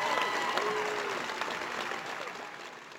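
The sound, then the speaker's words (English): An audience in San Jose applauds the arrival of a women's hockey team in a dense, steady wash of clapping that holds loud throughout, with scattered crowd voices and a brief whistle rising from within the noise. “And that is definitely worth another round of applause.”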